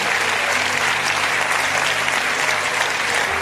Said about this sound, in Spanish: Vamos a dar un aplauso a Dios.